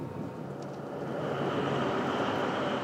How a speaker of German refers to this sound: Hier ist die Strecke nicht elektrifiziert, deshalb ist Roland mit seiner Diesellok hier.